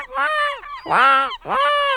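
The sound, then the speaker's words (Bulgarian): A voice imitates a seagull with three loud, nasal, wailing cries in quick succession, each call rising and falling in pitch, with short gaps between them and no other talk. “Айде, айде, ти като го правиш, всички разбираме, че е чайка.”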